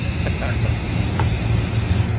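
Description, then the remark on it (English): A steady hiss of green spray paint from an aerosol can, sprayed outdoors onto a brown bush to make it green, runs without a break, with a faint low rumble underneath and no voices. “She spray painted her brown bush green.”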